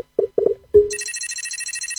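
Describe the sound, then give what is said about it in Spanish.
A download notification chime of the Enjoy Rewards app: a few quick low-pitched blips and a brighter tone, then a high, shimmering ring that trills rapidly and steadily until the end, with no voices. “¿Sabés cómo suena la app de tu lugar en el mundo cuando la descargas? Así.”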